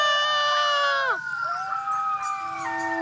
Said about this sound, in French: Les hurlements d'un coyote entraînent toujours ceux de ses voisins. Et deux coyotes qui hurlent ensemble peuvent donner l'impression d'un chœur de 12 voix.